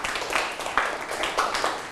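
A group of students in a classroom claps for a classmate's correct answer during a lesson on abbreviating month names, a dense patter of many hands with a few stronger rhythmic accents, moderately loud, with no talking over it.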